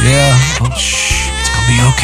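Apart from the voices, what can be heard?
infant crying at night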